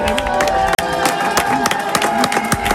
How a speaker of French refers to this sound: Les avocats sont applaudis.